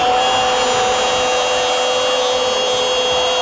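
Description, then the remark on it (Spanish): A loud electric drill runs steadily for a few seconds, its high whining motor tone constant, with no voices. “Taladro, Taladro, Taladro perfora la defensa para Ferretería Casa Ramos.”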